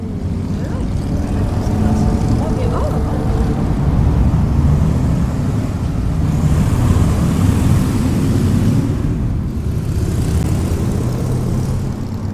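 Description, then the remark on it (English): Police motorcycle engines drone steadily and loudly for the whole stretch, a dense rumbling roar with slight swells as officers from all over the country practice figure eights and really sharp turns before a skills competition course with cones at festival grounds, no voices standing out. “Yesterday they had at Summerfest Ground a skills competition for motorcycle cops from all over the country.”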